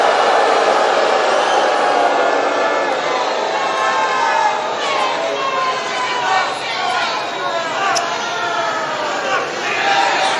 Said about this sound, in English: A lot of crowd reaction. You heard somebody there just yell, FCNN.